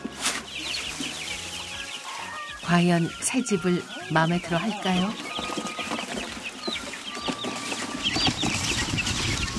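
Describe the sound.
Many chicks, just moved in boxes into a new, spacious home in Geumsan, peep in a continuous, high-pitched chatter of overlapping chirps from start to finish. A woman's voice speaks briefly over them partway through.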